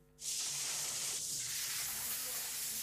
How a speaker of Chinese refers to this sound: 下午3点，台州路桥区新桥镇的老年助餐中心厨房里一派热火朝天景象，洗菜声、锅铲碰撞声。